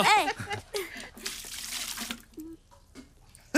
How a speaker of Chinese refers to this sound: 梦莹啊，你看你满脸沙子，快洗把脸吧，我给你倒水。